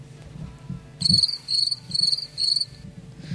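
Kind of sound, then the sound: insect, crickets chirping sound effect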